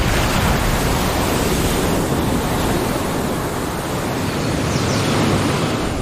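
Steady, loud roar of surf washing onto a beach on a remote stretch of Costa Rican coastline, a dense continuous hiss of breaking waves with no distinct individual crashes and no voices.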